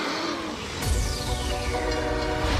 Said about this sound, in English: The brakes! You're on a runaway train?